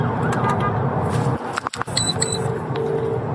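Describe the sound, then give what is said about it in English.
Steady low engine and road rumble fills the cabin of a moving police vehicle on the M40 motorway, its path blocked by a van, with brief high electronic tones and a short steady beep cutting through near the end. “Must not have been a huge emergency, because you'll hear from inside the cab of their police vehicle how they handled it.”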